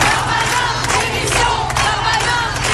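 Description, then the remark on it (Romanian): A crowd of protesters in France shouts together, demanding the French justice minister's resignation, in a loud, steady roar, with overlapping voices and sharper bursts of yelling rising above the din throughout. “Ministrul francez al justiției promite măsuri dure, oamenii îi strigă însă demisia.”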